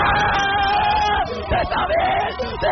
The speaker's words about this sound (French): Ce cri de joie, c'est celui de … en 2021.